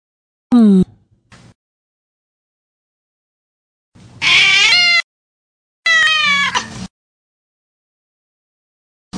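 A cat meows three times, with a short high cry falling in pitch, then two longer, loud, wavering meows a few seconds later. Silence separates the calls and no one speaks.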